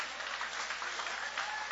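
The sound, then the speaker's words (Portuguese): An audience applauds the name of Jesus at a livestreamed church service, a dense wash of many hands clapping steadily at an even level with no voices standing out. “Vocês podem aplaudir o nome de Jesus?”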